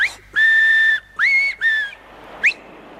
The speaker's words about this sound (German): Mittagszeit. Fremdenzeit. Zeit, auf den Finger zu pfeifen. Dreimal.